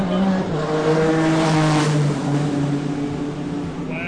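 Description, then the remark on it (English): A race car speeds past on a track, its engine a loud, steady whining roar that slides lower in pitch as it goes by, with a noisy wash of background sound throughout. “Those kind of race cars might be faster than cheetahs.”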